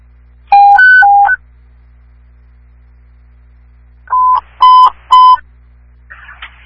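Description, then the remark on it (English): Electronic alerting tones from a fire dispatch radio, alerting the fire department in Middletown Commons to an automatic fire alarm at Fairmont Federal Credit Union: a pair of warbling two-pitch beeps, a pause, then three steady evenly spaced tone bursts, loud and clear with no talking. “Make you aware we're alerting fire department in Middletown Commons at Fairmont Federal for an automatic fire alarm.”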